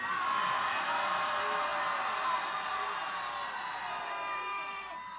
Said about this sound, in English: this is your sound check for your big 16-bar solo coming up in the next song. Please, Chicago, scream as if you're in hell! The guy screaming obscenities had no trouble screaming before. Please, ladies and gentlemen, scream as if you're in hell!